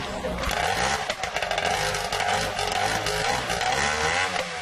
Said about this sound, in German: Inzwischen hat der Motor auch erste Lebenszeichen von sich gegeben, da kann es also gleich aufs Wasser gehen.